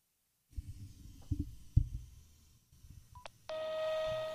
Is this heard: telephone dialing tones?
yes